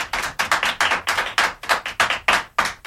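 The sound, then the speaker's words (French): A group of children clap together in fast, uneven bursts, a steady patter of many hands that stays fairly loud throughout, with no voices over it. “Voilà, les enfants vous applaudissent. Je ne sais pas si vous les entendez.”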